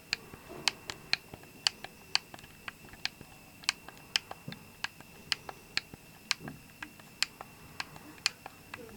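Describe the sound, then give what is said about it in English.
Crisp plastic clicks of the arrow keys on an Xbox One controller being pressed, around two dozen sharp taps in a quick, uneven rhythm against a quiet background with no talking. “Arrow keys here now.”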